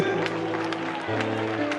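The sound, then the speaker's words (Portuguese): An audience claps to glorify Jesus in a steady, moderately loud rhythm, about two claps per second, over sustained low musical tones that hum beneath the crowd. “Pode aplaudir e glorificar a Ele.”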